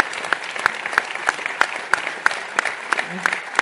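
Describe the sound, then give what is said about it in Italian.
Sustained audience applause from a crowd in a town square, given as a tribute to the mother of a worker killed in a workplace accident: a dense wash of many hands clapping at steady loudness, with sharper individual claps standing out at a regular pulse roughly three times per second. “e a lei un nuovo applauso, un abbraccio caloroso, forte, rispettoso.”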